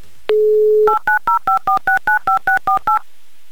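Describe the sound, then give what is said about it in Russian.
A steady dial tone plays briefly, then a telephone number is keyed in as a quick, even series of about eleven DTMF beeps, clear, with no voices. “я набираю ваш номер телефона и буду звонить вам, звонить, ждать, когда же вы возьмете трубку.”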